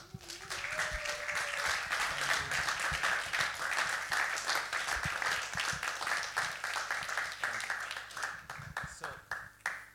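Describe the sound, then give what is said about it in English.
A crowd applauds steadily for about ten seconds, a dense wash of many hands clapping at a fairly loud, even level that thins out slightly toward the end, with faint voices underneath. The applause at Stadtwerkstatt is for a performer of acousmatic music who is about to begin performing. “So a big applause”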